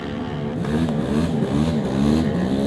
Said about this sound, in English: Oh, just hitting that rev limiter there, but he is away.